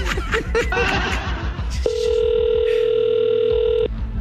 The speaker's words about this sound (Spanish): No sé qué horas va a empezar a timbrar, pero ahorita le estamos llamando a la regidora